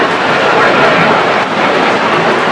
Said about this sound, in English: It could be loud here when those planes buzz us. We got a lot of that yesterday, the day before.